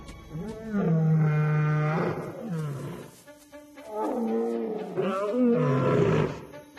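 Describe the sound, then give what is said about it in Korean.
A lion roars loudly in the dark in two long, rumbling bursts separated by a short pause, deep harmonic growls swelling and fading with no talking. “어둠 속에서 귀가 찢어질 듯한 호효가 울려 퍼지자 코끼리 때문에 극심한 혼란에 빠집니다.”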